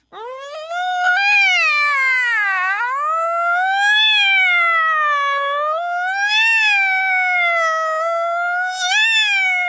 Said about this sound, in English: The firehouse dog howls, oh, oh, oh, oh, and Itty Bitty howls, meow, meow.